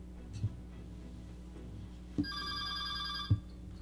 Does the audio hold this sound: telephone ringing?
yes